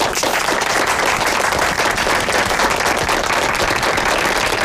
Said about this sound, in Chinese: 大家掌声鼓励。